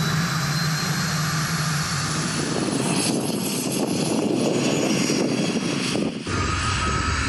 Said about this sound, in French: Oh là là, quand j'accélère, j'entends la turbine qui se met en route. Truc de dingue!